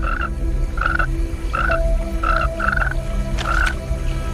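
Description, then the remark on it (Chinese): A large tree frog croaks about six times in short, bright, mid-pitched bursts at an uneven pace, each with a raspy click, over a steady low rumble and a faint thin whistle. “这只大范树蛙通过皮肤探测到了空气中的变化，它敏锐的感官发出警报，一场生死搏斗即将开始。”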